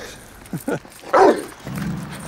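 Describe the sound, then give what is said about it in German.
A detection dog barks an alert during a customs traffic check in a customs border zone, in a short burst: two quick yips followed by a louder, sharper bark, then a low growly hum lingers at the end. “Der Hund schlägt an.”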